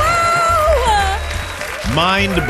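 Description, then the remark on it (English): A crowd cheers and whoops over a wash of applause at the trivia show Go Fact Yourself, with rising and falling shouted voices standing out above the steady clapping noise throughout the short burst. “Get ready to cheer.”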